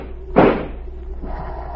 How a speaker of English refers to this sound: Stand away from the door. I'm going to shoot the lock.